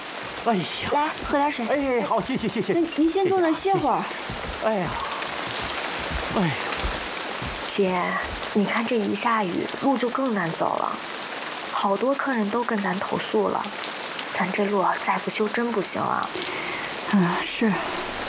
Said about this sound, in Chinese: 这山里的雨怎么说来就来呀、啊？这雨也太大了！